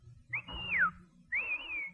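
Two loud, shrill taxi-hailing whistle blasts: the first holds then swoops downward, the second rises and stays steady, with a faint low rumble underneath.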